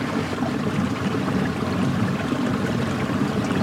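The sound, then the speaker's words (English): A steady rush of flowing river water, continuous, with a broad, even churning texture and no voices over it. “But I feel completely content by the river.”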